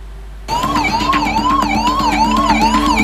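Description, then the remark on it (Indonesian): An ambulance siren wails loudly, starting abruptly and cycling in a steady rising-and-falling pattern over a constant low engine rumble, no voices; ambulances arriving to carry injured and dead after a clash between inmates at a prison in Negombo, Sri Lanka. “Ambulans pun silih berganti berdatangan untuk mengangkut para korban luka dan tewas”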